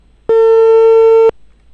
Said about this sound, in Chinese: 来，我们打监察大队的电话啊。电话播出，共同耐心等待。